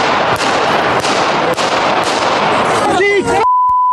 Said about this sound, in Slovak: 15. maj Handlová. Premiér Robert Fico ide po rokovaní vlády pozdraviť ľudí. O pár sekúnd je počuť 5 výstrelov z pištole.